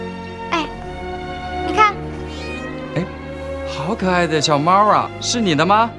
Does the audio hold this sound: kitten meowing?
yes